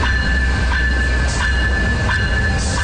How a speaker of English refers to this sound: Morning, Via Rail train arrives at Scarborough Guildwood Station loading passengers, something that won't be happening for much longer.